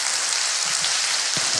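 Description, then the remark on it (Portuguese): A crowd claps loudly and steadily, a dense, hissing wash of many hands with no individual beats standing out. No one speaks over it. “Pode dar uma salva de palmas forte.”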